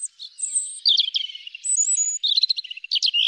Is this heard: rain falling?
no